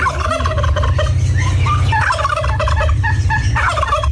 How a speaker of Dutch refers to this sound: Ja, dat is de kalkoen, hè? Ja, natuurlijk. Ja. Overduidelijk, overduidelijk. Een heel groot beest waar je niet omheen kan.